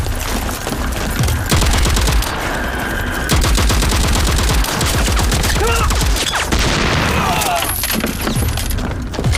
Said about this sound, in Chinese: 前方报告，314高地后方大余令方向传来激烈的枪炮声